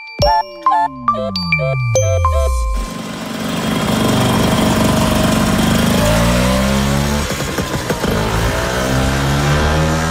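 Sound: vespa scooter engine running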